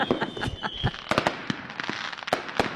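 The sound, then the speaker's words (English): Fireworks celebrating 48 years of self-government in the Northern Territory, Australia, exploding in a rapid, irregular barrage of sharp cracks and pops, some louder than others, with a faint high whistle drifting through at the start. “Posh people love fireworks too”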